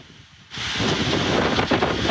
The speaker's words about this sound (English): Saturday overnight, heavy winds from Hurricane Lala whipped across much of Hawaii, sending water gushing out of Rainbow Falls and Hilo, captured in this footage, battering parts of Hawaii's Big Island, Oahu, and Maui